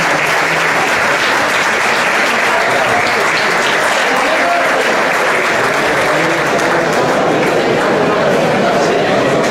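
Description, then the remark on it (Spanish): Loud, sustained applause from a crowd on cue after a countdown from 3, celebrating the start of a new stage, a dense crackle of many hands clapping steadily for the whole stretch with no pauses. “¡Fuerte aplauso!”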